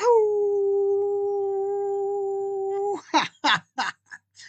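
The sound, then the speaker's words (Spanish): A man imitates a wolf's howl with one long, steady, held note lasting about three seconds, then breaks into several short, breathy bursts of voice. “a todos los países donde habitan mis queridos desvelados, a esos países, a todos los países del mundo, a todos los países que tienen a bien escucharme y a todos los países que todavía no me escuchan, les quiero enviar un gran aullido.”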